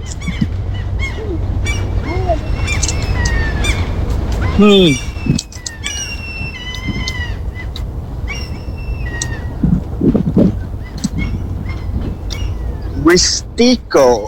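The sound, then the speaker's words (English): Several birds chirp and whistle in quick, overlapping bursts throughout, clear over a steady low outdoor rumble like wind or traffic. “I think this microphone should pick up those birds.”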